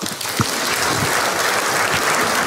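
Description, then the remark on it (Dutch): A show audience claps steadily throughout as a guest is introduced, a dense, even wash of many hands with a few sharper individual claps standing out, sustained at a loud level with no voices on top. “Graag applaus voor”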